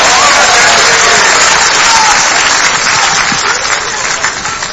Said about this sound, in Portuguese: Vamos aplaudir Jesus com alegria. Vamos aplaudir Jesus bem bonito. Aplaude e glorifica o nome dele, igreja.